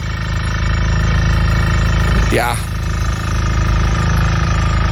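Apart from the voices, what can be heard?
drilling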